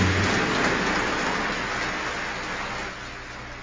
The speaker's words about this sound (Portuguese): Viva Senhora Aparecida! Uma salva de palmas bem forte para rainha e padroeira do Brasil.